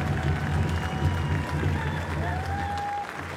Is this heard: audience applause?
yes